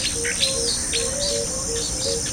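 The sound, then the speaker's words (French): Birds chirp and sing in short, scattered calls over a steady, high insect-like drone, with a continuous outdoor ambience and no voices, as everything around grows dark. “Je vois tout autour de moi, tout est assombri, avec le bruit des oiseaux, le grondement du tonnerre, je comprends rien.”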